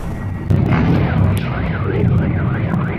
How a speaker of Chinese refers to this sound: 俄乌冲突持续，乌克兰空军在社交媒体上发文称，上周末乌克兰全境拉响了防空警报，俄罗斯军队向基辅发射多枚导弹。